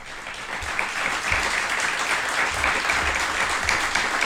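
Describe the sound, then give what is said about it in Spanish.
A crowd in Gallipienzo applauds loudly and steadily for a radio broadcast, a dense, continuous clatter of many hands clapping at once, holding its strength for several seconds with no voices standing out. “Y yo lo primero que quiero hacer es pediros a quienes nos acompañáis aquí en Gallipienzo que nos acompañéis, por favor, con un fortísimo aplauso que se va a oír seguro a través de la radio.”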